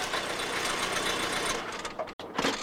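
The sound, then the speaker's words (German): The Lord's car engine hums steadily and loudly, then its sound thins and changes as the car pulls up and stops, with a brief abrupt cutoff near the end. No one speaks. “Wenig später fuhr der Lord mit seinem Auto vor.”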